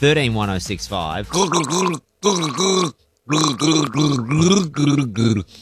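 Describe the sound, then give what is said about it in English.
A person gargles a tune, producing rough, bubbling voiced phrases with rising and falling pitch, sung in several bursts separated by short pauses. “This is me gargling a song.”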